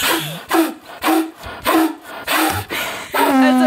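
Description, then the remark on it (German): A person imitates a stag's rutting call with about six rough, rasping grunts in a steady rhythm, loud, the last one drawn out into a hoarse, tonal bellow. “Ich glaube, der Hirsch hat eher Dünnschiss.”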